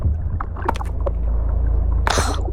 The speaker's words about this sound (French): Un bruit de moteur au-dessus de nous. Pétard, des pêcheurs, manquez plus que ça. Ils jettent leur filet de pêche.